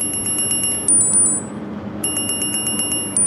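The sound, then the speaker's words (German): A lifeguard's wrist smartwatch alarm at an outdoor swimming pool in Kassel, Germany, goes off in rapid, high-pitched electronic beeps, triggered by an AI camera system detecting a person in the leisure pool who may need help; two bursts separated by a short pause, fairly loud over a steady wash of outdoor background noise. “Die Uhr am Handgelenk von Bademeister Sebastian Eichel schlägt Alarm.”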